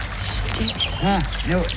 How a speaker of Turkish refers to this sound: Bülbül sesi bu